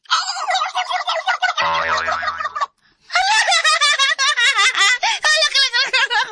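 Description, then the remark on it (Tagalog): A person imitates a turkey gobble, a loud, rapid warbling trill in two bursts split by a brief pause, with a laughing, giggly edge. “Tingog pabo!”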